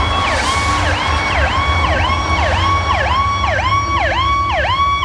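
A loud ambulance siren in the United States wails in rapid, repeating swoops, about eight cycles in five seconds, over a steady low rumble of traffic or engine noise; as the ambulance passes, the pitch goes from high to lower (Doppler effect).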